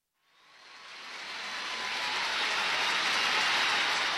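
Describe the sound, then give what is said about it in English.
A subway train roars in, its noise swelling quickly from silence into a loud, steady rushing rumble that holds for several seconds, with no voices. “Well, here we are in the subway together, buddy.”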